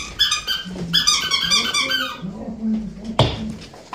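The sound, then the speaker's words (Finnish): A dog chews on a new squeaky toy it received as a gift, setting off rapid bursts of high squeaks in the first two seconds, then softer low growly sounds and a sharp squeak near the end. “Hän on saanut uusia leluja tuliaiseksi.”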